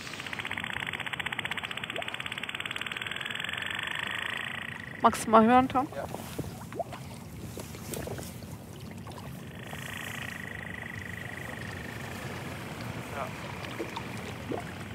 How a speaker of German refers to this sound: Also es gibt ja verschiedene Lärmquellen. Wir haben jetzt die Boote gehört, die sind eigentlich immer da.